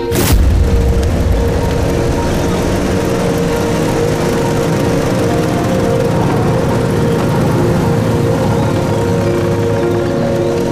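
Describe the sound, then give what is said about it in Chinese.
Several motorcycle engines roar steadily and loudly for the whole stretch, a dense low rumble with a sharp thump at the start, from a motorcycle convoy of a headquarters special-agent squad rolling by. No one speaks. “这摩托车队很威风嘛，看着镇长是一点没把兄弟你放在眼里啊。”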